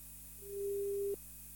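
A single steady telephone ringback tone, heard as a radio host phones a member of a band, sounds for under a second over a low background hum, then cuts off abruptly as if the line is picked up. No one speaks.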